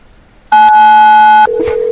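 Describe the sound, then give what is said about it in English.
A loud telephone tone on a prank call starts after a short quiet moment, holding a steady high pitch for about a second, then drops abruptly to a lower steady tone that continues. No one speaks. “He's totally calling us back. He's going to tone us again.”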